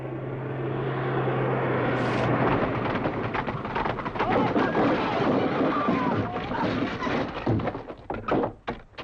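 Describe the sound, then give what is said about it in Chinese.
A reconnaissance aircraft drones overhead, a steady broad roar with a low engine hum, while scattered thumps and clatters break through toward the end. “不会，这是侦察机。”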